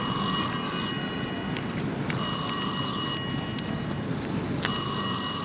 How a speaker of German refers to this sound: Während wir still zu Abend aßen, ertönte das Klingeln des Telefons.